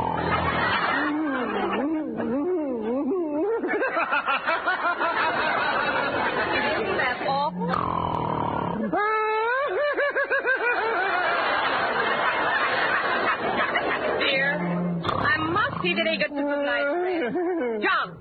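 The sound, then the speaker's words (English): Loud, exaggerated comic snoring performed by a voice, with wobbling honks and whistles, cycling in long drawn-out breaths with brief pauses between rounds. “How can you sleep like that?”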